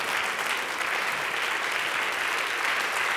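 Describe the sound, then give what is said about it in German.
Steady, dense applause from an audience in the large broadcast hall on the Halberg for the brass ensemble of the Hochschule für Musik Saar at HFM Goes Radio on SR Kultur, a continuous hiss of many hands clapping at an even level for the whole stretch, with no voices standing out. “Das ist euer Applaus.”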